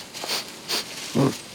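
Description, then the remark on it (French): A koala sniffs a eucalyptus leaf: two short breathy sniffs followed by a louder, lower snuffling exhale, all in a quiet setting with no talking. “Il repère une nouvelle feuille, la renifle.”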